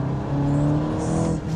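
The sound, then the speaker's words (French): A car engine hums loudly, a steady low drone with a slight rise in pitch as it revs under acceleration, with no voices over it. “Il y a un petit son moteur qui vient du moteur quand même, il faut le noter, en 2022, c'est plus très courant.”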